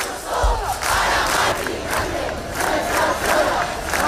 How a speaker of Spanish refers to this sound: El ático de Ayuso para Mari Carmen, gritaban algunos. Sonido de Madrid, donde cerca de 10.000 personas se concentraban frente al ático comprado por la comunidad.